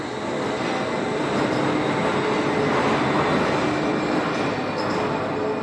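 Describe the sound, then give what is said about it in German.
The Wuppertal Schwebebahn, a suspended monorail, runs along its 1901 steel framework over the Wupper river with a steady, dense rumble and rattling, faint metallic squeals rising above it, loud and continuous throughout with no voices. “Und mittendrin schlängelt sich die Schwebebahn über die Wupper. Auf ihrem Stahlgerüst von 1901.”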